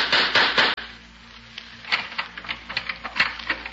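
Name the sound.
knocking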